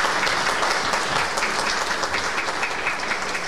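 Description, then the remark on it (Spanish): Steady audience applause, a dense wash of many hands clapping at an even, fairly loud level throughout, with no voices standing out. “Antes de el aplauso.”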